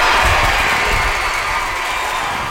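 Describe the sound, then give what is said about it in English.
A sold-out crowd of more than 3,000 fans at the Hillsboro Ballpark cheers and roars continuously for the Portland Cascade at an Athletes Unlimited softball game, a loud, dense wash of many voices with no pauses, steady throughout. “A sold-out crowd of more than 3,000 fans cheered on the Portland Cascade as the team defeated the Oklahoma City Spark 3-0.”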